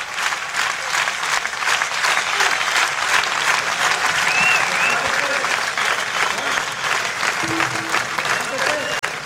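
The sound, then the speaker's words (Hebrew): Sustained, dense applause from a large standing audience at the Ein Gev Festival, a steady wash of clapping that holds at an even, loud level throughout, with faint crowd voices and cheers mixed in. “כולם כאן עומדים, מוחאים כפיים.”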